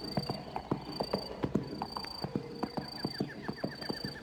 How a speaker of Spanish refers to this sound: mirada y rumbo el coplero pone para su caney, cuando con trote sombrío oye un jinete tras él.